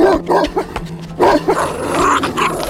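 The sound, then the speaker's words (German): A fat bull terrier barks and snarls aggressively in a rapid series of loud bursts, with growling and scuffling between the barks, as it chases a man and bites into his leg. “Neben ihm lief ein feister Bullterrier, der nur auf ein Zeichen zu warten schien, um Finlay zu jagen”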